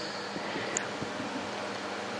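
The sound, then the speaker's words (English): Soft, steady wash of waves rolling toward shore, a low continuous hiss with gentle swells and no voices, with faint wind mixed in. “A subtle whispering of the waves as I heard it coming closer.”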